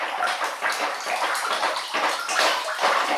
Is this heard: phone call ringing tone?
no